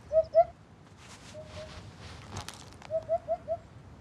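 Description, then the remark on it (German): A hoopoe, a long-billed bird with splendid plumage, barely bigger than a blackbird, gives its soft, hollow hooting: a quick pair of notes, then a pause, then a rhythmic run of four evenly spaced hoots, clear over a low background rumble. “Langer Schnabel, prächtiges Gefieder und ein irgendwie hupender Ruf.”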